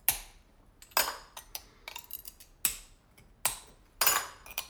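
Glass plate being cut along a template with a diamond cutting wheel, a small pen-like tool whose diamond tip turns: a series of sharp, bright, gritty strokes at irregular intervals, with lighter taps and clinks between them and no talking.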